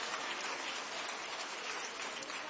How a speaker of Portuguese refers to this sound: Palmas para Jesus. Glorifiquemos ao Senhor pela vida dos nossos irmãos.